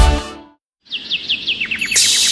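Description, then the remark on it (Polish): After a brief burst of noise and a moment of silence, a bird sings a quick run of about ten high, bright chirps in steady rhythm, with a soft hiss underneath; summer birdsong presented as at Brzoskwinie Ogród, 15 kilometres from Kraków. “Posłuchaj śpiewu ptaków, szumu drzew i naciesz oczy pełnią lata.”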